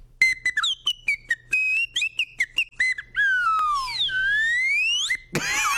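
A cartoon-style whistle sound effect used as part of a character: a rapid series of short, bright chirping toots, then a long wavering slide-whistle swoop rising and falling, ending in a brief burst, loud with no talking.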